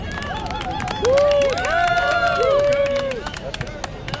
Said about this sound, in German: Einen Applaus bitte